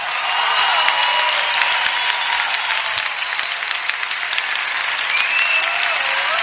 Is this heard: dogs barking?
no